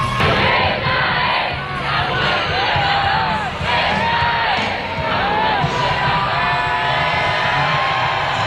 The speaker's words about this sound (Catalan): Doncs sí, el pontífex ha arribat tan sols fa uns minuts fent els darrers metres del passeig de la Castellana fins a arribar aquí a la plaça de Lima amb papamòbil i entre aplaudiments, benediccions i crits.